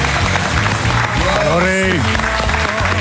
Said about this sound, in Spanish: Fuerte el aplauso.